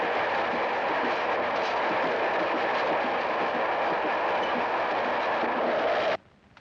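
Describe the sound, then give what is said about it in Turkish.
A train rumbles steadily along the opposite track for about six seconds, a loud, dense roar of rolling wheels and rattling cars, then cuts off abruptly into near silence. “Şimdi karşı yola tren gelir.”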